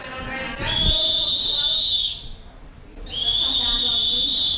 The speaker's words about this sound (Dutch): Het alarmsignaal klinkt en de leraren gaan één voor één de lokalen uit.